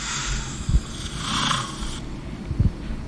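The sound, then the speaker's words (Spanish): A person imitates a lion's snore with a rough, raspy, breathy rumble, punctuated by a couple of low throaty snorts, with no talking. “¿Una moto o es un ronquido de León?”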